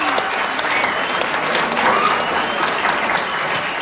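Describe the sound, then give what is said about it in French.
Steady, dense applause from an audience for four students introduced to ask questions, a continuous wash of many hands clapping at an even loudness for several seconds, with no voices standing out. “Applaudissez-les fort, s'il vous plaît.”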